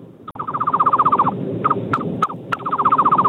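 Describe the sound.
A man whistles a rapid, warbling trill imitating a bird call over a phone on speaker, a long run of quick repeated notes broken by a few sharp chirps, then the fast trill resumes, fairly loud over a muffled line.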